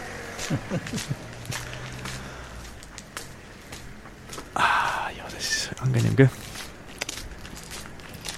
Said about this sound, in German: Warte, gehen wir noch ein paar Schritte, gehen sie noch aus. Wir gehen einfach... Im Gehen ist es leichter. Wir haben da zum Glück im Studio auch unseren Sandsteinboden, gell? Mhm. Weil sonst auf dem Teppich hörst du es ja nicht.